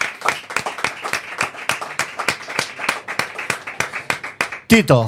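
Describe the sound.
A few people clap together in a steady, fairly loud burst of applause lasting several seconds, then a voice starts speaking as the clapping stops.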